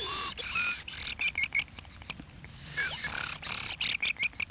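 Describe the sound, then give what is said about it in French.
A voice whistles an imitation of a thrush's song: quick, bright, high-pitched phrases of repeated notes and trills, fairly loud, with a short pause midway before another run of rapid chirps. “C'est grives. Tout le monde ne sait pas les siffler. Il faut faire un roulement, comme moi, je ne sais pas.”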